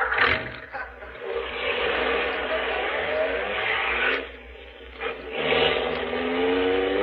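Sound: car engine accelerating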